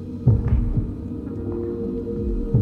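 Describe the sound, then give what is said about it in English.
Muffled, low heartbeat thumps from a person's own heartbeat pulse over a steady droning hum, fairly soft, with a few beats bunched early and another near the end; no one speaks. “But the only thing I hear is my footsteps and my own heartbeat.”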